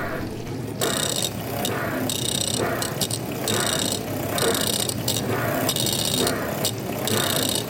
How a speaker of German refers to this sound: Und jetzt stelle ich noch ein Mikro direkt vor die Spülmaschine, damit man die noch besser hört. Ja, das klingt doch richtig gut. Okay, alle bereit? Die Spülmaschine groovt schon mal. Und der Mixer dazu.